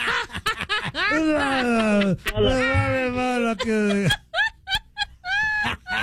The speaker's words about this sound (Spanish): Perdóname por el bostezo que te quité.